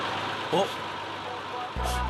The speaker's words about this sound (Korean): 숨 돌릴 틈도 없이 세차할 또 다른 차량이 들어옵니다.